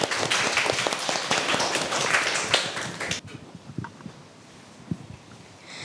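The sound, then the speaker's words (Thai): An audience claps for presenting group 5 for about three seconds, a dense burst of many hands, then the applause stops abruptly, leaving quiet with a few faint scattered taps. “ครับตอนนี้เราก็เหลือกลุ่มสุดท้ายแล้วนะครับก็คือกลุ่มที่5กลุ่มที่5พร้อมหรือยังครับ พร้อมแล้วค ่ ะ ขอเสียงปรบมือให้กลุ่มที่5ด้วยครับ”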